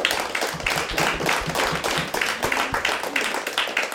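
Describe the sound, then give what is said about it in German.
A crowd applauds steadily, with many overlapping hand claps forming a dense, continuous patter that stays fairly loud and even throughout, with no one speaking. “Also einen herzlichen Applaus und danke, dass du heute hier bist.”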